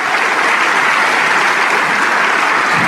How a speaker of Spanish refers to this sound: Si ese aplauso es para el Rey de Reyes. ¡Aleluya!